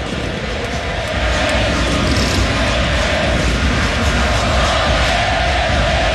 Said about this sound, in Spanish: Una marca también importante para el 10, que acá recibe los aplausos de todo mundo en el Estadio Monumental. El ole, ole, Messi, Messi en las tribunas del Monumental.